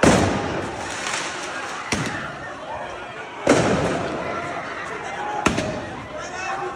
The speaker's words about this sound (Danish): Der er sirener og tumult i gaderne, fordi ja, der er blandt andet biler, der sættes i brand. Så affyres der også fyrværkeri på åben gade.